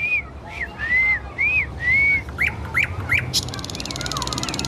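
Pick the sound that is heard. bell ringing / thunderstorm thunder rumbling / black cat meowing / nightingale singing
nightingale singing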